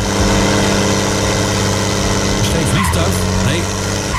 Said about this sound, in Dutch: Het zijn zware motoren en je hoort slippende banden. Ja, zo klinkt het vandaag in Klarenbeek.